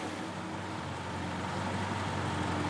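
Old East German cars idle and roll out of a hall together, a steady low engine rumble with a buzzy, droning hum that stays constant, with no voices.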